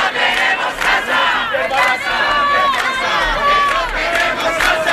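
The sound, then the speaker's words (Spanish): A large crowd of hundreds of protesters gathered on a Friday in Valladolid, Spain, in front of the headquarters of the company that evicted an 87-year-old woman, shouting and chanting together, loud and continuous, with overlapping raised voices forming a dense, energetic roar. “Este viernes, cientos de personas se han concentrado en Valladolid frente a la sede de la empresa que ha desahuciado a”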